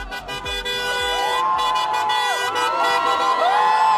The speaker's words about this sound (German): Großer Jubel in Budapest nach dem Wahlsieg von Peter Modjar.